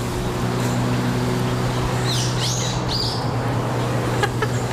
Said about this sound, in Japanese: ちょっと考えてる間、鳥のさえずりを聞きください。